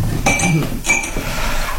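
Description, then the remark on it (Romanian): Two bright glassy clinks ring out about half a second apart, like a drinking glass being set down and handled while a glass of cold water is served, with no talking. “Un pahar cu apă rece?”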